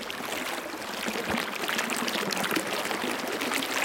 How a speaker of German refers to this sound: Und so ein Fluss.